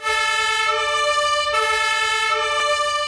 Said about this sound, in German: Die Berufsfeuerwehr in München rückt aus. Die Hauptwache liegt in der Innenstadt. Es hat viel Verkehr, wie fast immer, aber dank Martinshorn und Blaulicht geht es zügig voran.